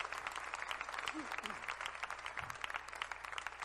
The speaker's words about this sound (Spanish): Dale un aplauso a Cristo, por favor.